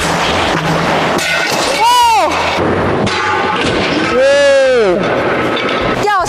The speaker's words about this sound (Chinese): 以后不仅玻璃掉了，玻璃还碎了，这如果掉下去真的是非常的危险。这个就是因为选择了这种开口压线。